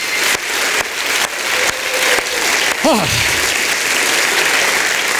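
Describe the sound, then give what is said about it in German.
A crowd at Club Alpha 60 applauds steadily and loudly throughout, warming up for a poetry slam, a dense wash of clapping, with a brief whoop or whistle rising and falling midway through. “Ihr seid warm geklatscht, das ist herrlich, denn wir brauchen euren Applaus für einen Poetry Slam.”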